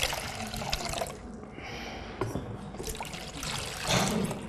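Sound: water pouring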